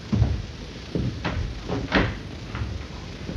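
A door is opened: a handful of short wooden knocks and rattles from the latch and frame over a few seconds, with no voices.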